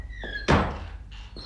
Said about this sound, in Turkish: Kapıyı kapa önce.